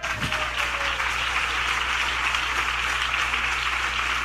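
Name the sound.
audience clapping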